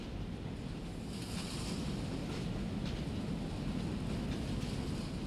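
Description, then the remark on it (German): A train to Frankfurt rolls steadily along the rails, a continuous rumble with deep low-end roar and faint rhythmic clatter, holding an even loudness throughout with no voices. “Die Zugfahrt war wahnsinnig aufregend.”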